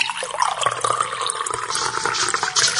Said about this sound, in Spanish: Luego colocase la sal en un vaso con agua